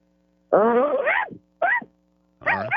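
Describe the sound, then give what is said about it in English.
A person imitates a dog barking with three loud vocal bursts: a long drawn-out woof, a short sharp one, then a final bark cut off at the end, with brief silences between. “How about a dog bark?”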